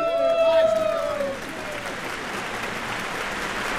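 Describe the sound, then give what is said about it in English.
Audience applause for the Pick Along campers after their performance at the Pick Along Party, a dense steady wash of clapping that starts loud alongside a fading tonal note, then continues at a slightly lower, even level to the end. “Give them another big round of applause, y'all.”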